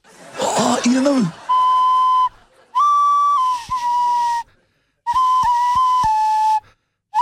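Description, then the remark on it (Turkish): A breathy, wavering flute played through a person's nostril sounds in three sustained phrases with slight pitch slides and airy wheeze between them, preceded by a brief burst of noisy breath. “Burnunla çalıyorsun şu an.”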